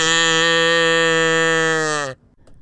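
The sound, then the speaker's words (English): A single long, loud moo from Latte the cow, on a 3-2-1 countdown on WCLV, holds steady for about two seconds, then drops slightly in pitch and cuts off abruptly, leaving near silence. “Latte will moo. You will moo with her.”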